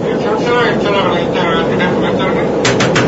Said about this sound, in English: I think there's somebody knocking on the door of your airplane. Why, that's impossible.